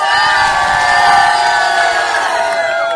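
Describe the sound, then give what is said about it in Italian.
A crowd in Gorla, Milan, shouts and cheers a goodbye together in a loud, sustained roar of many voices, enthusiastic, filling the whole three seconds without pause. “Noi però adesso vi dobbiamo salutare e urlare con tutto l'entusiasmo di cui siamo capaci.”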